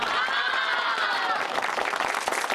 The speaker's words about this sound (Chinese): 来，鼓掌，继续努力啊！